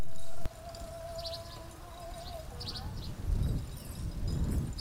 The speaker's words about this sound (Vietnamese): Xe ngựa đi qua cánh đồng thốt nốt, nắng xuân rọi xuống, bụi đất bay lên trong gió, tạo thành một dải mờ ảo phía sau bánh xe.